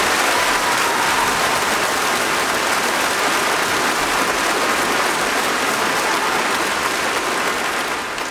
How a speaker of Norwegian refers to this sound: Og en stor applaus